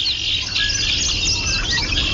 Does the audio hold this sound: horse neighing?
no